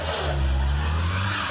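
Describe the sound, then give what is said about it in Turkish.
A car engine strains and revs hard as the car tries to climb a steep hill in Çankaya, Ankara, Turkey, its low droning pitch holding steady then rising slightly, with a faint screech of tires slipping underneath. No one speaks. “Bu yokuştan hiçbir araba çıkamıyor.”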